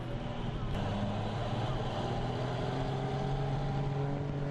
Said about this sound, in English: No matter how you reach the mountain, and no matter how high your social status, if you wish to travel up the mountain, you have to ride the mountain truck. Due to the steep and dangerous slopes, ordinary cars are unable to make the trip.